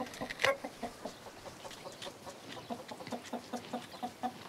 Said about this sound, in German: Morgens geht's erst einmal zu den Hühnern. Ein Mix aus dänischen und deutschen Legehennen.